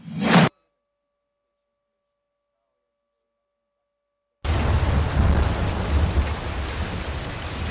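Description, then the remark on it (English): A short burst cuts off into several seconds of silence, then a loud, steady downpour of heavy rain rushes in, underpinned by deep, rolling thunder rumbles. “When the rains came, they left more than flooded streets.”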